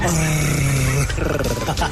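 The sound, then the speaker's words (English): A person growls loudly into the mic, a rough, sustained roar-like rumble imitating an animal, breaking into a second gravelly growl toward the end. “You growling like that is so off-putting.”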